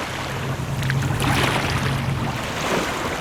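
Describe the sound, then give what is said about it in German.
Steady, calm flowing water of the Bidasoa river heading toward the sea, by Pheasant Island between Spain and France, with a soft continuous wash and a low hum underneath, moderately loud and even throughout, with no voices. “Der Bidasoa fließt ruhig dem Meer entgegen und die Fasaneninsel liegt wieder fast vergessen in der Mitte des Flusses zwischen Spanien und Frankreich.”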